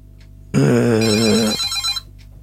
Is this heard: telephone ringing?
yes